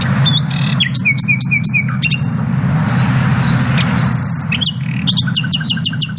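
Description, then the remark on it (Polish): A nightingale sings loud, varied phrases: pure whistles, rapid repeated notes and sharp trills, separated by brief pauses, over a steady low rumble of background noise. “Śpiewają dość krótko, bo zaledwie 3-4 tygodnie, no ale kto śpiewa tak jak słowik?”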